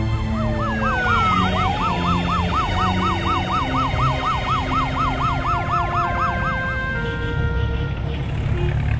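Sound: ambulance siren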